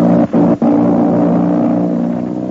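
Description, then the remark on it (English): A loud airplane engine of the plane flying Terry, Connie and Jude Hennick from commando headquarters in the Sandstone Hills to the town of Yankuk drones steadily with a deep, harmonic hum, briefly cutting out twice near the start before settling into a sustained roar that eases slightly toward the end. “Yes, that's an airplane engine, and Jude Hennick is in a bad spot.”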